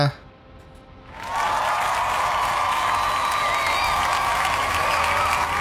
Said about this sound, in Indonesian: Kita kasih tepuk tangannya.